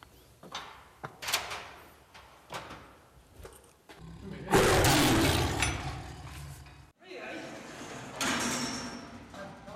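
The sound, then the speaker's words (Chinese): A heavy metal door of a Siberian tiger house at a tiger park clanks a few times, then slides open with a loud, sustained grinding rumble lasting a few seconds, followed by quieter rattling and ambient noise, as a keeper opens it at 8 a.m. to let the tigers out. “都会准时来到虎舍，开门放虎是他的第一项工作。”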